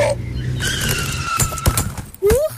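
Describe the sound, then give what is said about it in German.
A car rumbles, approaching from the right on a street as children run across it, then its tires let out a long, sharp screech as it brakes hard, followed by a brief thump and a short rising whine. “Von rechts kommt aber ein Auto.”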